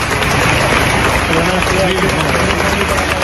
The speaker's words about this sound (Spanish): A su llegada a la fachada de la vivienda, donde se alojó durante 71 años, los manifestantes han celebrado un minuto de silencio alrededor de un altar de flores y velas en homenaje a la fallecida, que terminaba con este aplauso.